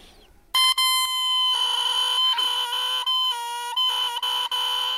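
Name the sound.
oboe reed blown alone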